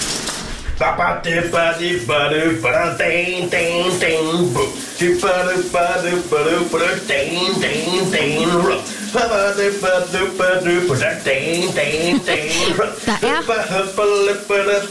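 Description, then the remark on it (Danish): A man sings a rhythmic, wordless-sounding tune while taking a shower on a Wednesday, the shower running continuously, its steady hissing spray filling the background from start to finish. “Du skal have dagens brusebad sit.”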